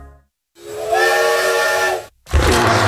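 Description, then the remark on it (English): A loud steam train whistle of the Catskill Mountain Railroad's Dinosaur Express blows in a long sustained blast with breathy hiss, stops briefly, then sounds again with a rumbling, hissing burst of steam. “Roar into adventure on the Catskill Mountain Railroad's Dinosaur Express.”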